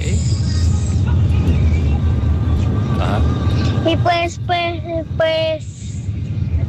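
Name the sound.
car interior ambience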